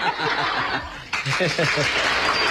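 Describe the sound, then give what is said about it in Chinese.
An audience applauds steadily with scattered laughter, a dense continuous patter that keeps going as a voice begins talking over it partway through. “别鼓掌，一鼓掌我不好意思。”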